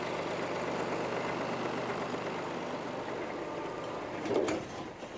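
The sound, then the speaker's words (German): A tractor engine runs steadily as it is driven to the Mutschenhof in the Spreewald, a continuous rumbling drone with a brief louder surge near the end. “Er muss seinen Trecker zum Mutschenhof bringen.”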